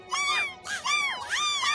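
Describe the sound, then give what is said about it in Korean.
A golden eagle flying low gives three high, wailing cries in quick succession, each rising and falling in pitch with a slightly mewing, cat-like quality. No voices are heard. “갈고리처럼 구부러진 날카로운 부리, 커다란 날개와 크고 억센 발톱, 우리가 찾고 있는 검독수리가 맞아!”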